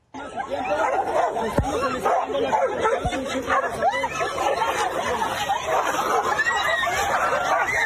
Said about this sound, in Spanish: Lo que debería haber sido un tranquilo recorrido de la presidenta Claudia Sheinbaum en Acapulco terminó con una batalla entre dos perros callejeros, obligando a varios asistentes a alejarse para evitar quedar atrapados en la riña.